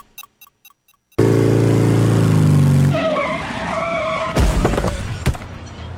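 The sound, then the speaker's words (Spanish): A few faint clicks, then a loud motorcycle engine suddenly roars up, followed by screeching skids and a couple of sharp, harsh bursts near the end. No one speaks. “Usá el casco abrochado cuando andes en moto.”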